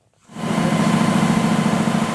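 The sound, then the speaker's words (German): The Augsburger Allgemeine's new newspaper printing press runs steadily in its newspaper printing plant after a brief quiet start, a loud continuous mechanical drone with a strong low hum and a dense, even rattle across the upper range. “Laut ist es und warm. Und es riecht nach Farbe, ein bisschen nach feuchtem Papier.”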